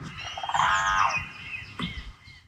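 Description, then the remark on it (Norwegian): A crane, filmed on camera in the morning, calls once with a loud, rolling trumpet-like note full of harmonics, lasting about half a second, followed by a fainter trailing call over a soft background hiss. “Nei, det var en trane.”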